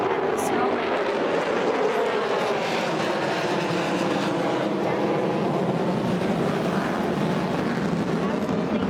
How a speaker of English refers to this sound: just astounding maneuvers by the U.S. Air Force overtaking Washington skies, including the B-2 stealth bomber that was used, or the type of plane that was used in the attacks on Iran's nuclear sites. In fact, I'm hearing yet another military flyover.